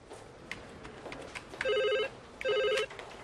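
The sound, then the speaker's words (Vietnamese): A telephone at Merton Police Station rings twice in a classic double-ring pattern, each burst a bright, warbling electronic trill of about half a second, loud over a faint background hum. “Can you get that, Wenor? I'm having me lunch. Get it yourself. Wino, I'm trying to write a report. Pick up the phone.”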